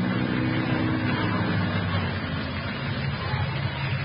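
An old jalopy car's engine idles with a steady, loud rumble and a low droning hum that holds even for a few seconds, with no voices over it.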